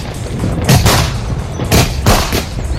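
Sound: fireworks exploding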